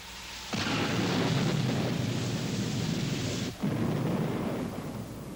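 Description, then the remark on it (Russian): A loud roll of thunder during a thunderstorm bursts in after a brief quiet and rumbles on for several seconds with a momentary break, heavy and broad with no voices. “Я же говорил, что гроза нам поможет.”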